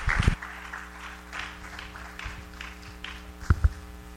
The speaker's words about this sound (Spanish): Dios les bendiga. Den una ofrenda de palmas al Rey de Reyes y Señor de Señores. Gracias.